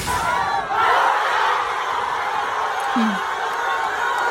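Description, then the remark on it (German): A huge crowd of Argentina football fans at a World Cup public viewing in Argentina roars and cheers continuously, a dense, loud wall of voices with overlapping shouts and whoops that stays steady throughout. “Und ich glaube auch, die Argentinien-Fans waren sehr glücklich, weil so klang das gestern beim Public Viewing in Argentinien.”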